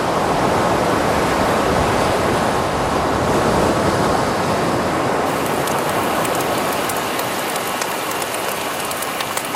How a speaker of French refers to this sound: Oh! Moi, j'entends le bruit de la mer,